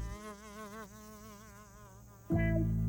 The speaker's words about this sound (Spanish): Escuchen. ¿Es un tren? No, es solo una mosca.